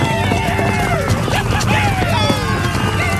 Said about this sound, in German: Die Comanchen stürmen mit Pferden in die Stadt und schießen ihre Pfeile ab.